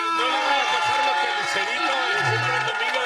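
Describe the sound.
A crowd applauds and cheers steadily for about three seconds, a dense wash of clapping mixed with whooping voices that stays loud and even throughout.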